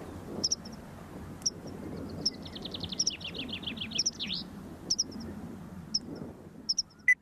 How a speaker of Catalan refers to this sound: Titella. Antus paratensis. És una au hivernant que trobareu d'octubre a abril a les zones de conreu i de camp obert.